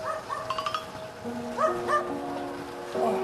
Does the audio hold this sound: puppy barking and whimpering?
yes